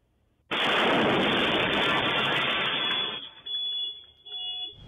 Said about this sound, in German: Als diese Shisha-Lounge explodiert. Allem Anschein nach ein gezielter und fest geplanter Anschlag.